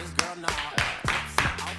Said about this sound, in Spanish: Aplausos tímidos.